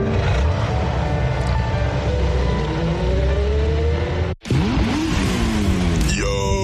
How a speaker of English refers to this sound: Check it out, V8 engine.